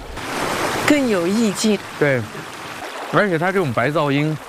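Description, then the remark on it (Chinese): A river flows with a steady, continuous rushing wash that fills the background throughout, at a camp where a felt yurt is being set up in the evening, while people talk over it in bursts of voiced speech. “我觉得这个到晚一点安静下来，就河水的声音， 反而就凸显出来了。”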